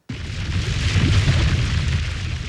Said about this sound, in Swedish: Ja, så här lät det när vulkanen Hunga utanför önationen Tonga hade ett utbrott 2022. Något som i sin tur ledde till tsunamis.